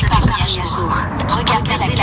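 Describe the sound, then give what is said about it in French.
A firefighters' drone's motors whir up steadily as it takes off above the Moulière forest, producing a continuous buzzing drone, while voices talk over the mechanical hum throughout. “Décollage au-dessus de la forêt de Moulière.”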